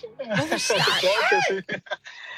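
A cat meows several times in quick succession, with rising and falling whiny cries, fairly loud, followed by a few short, clipped sounds at the end.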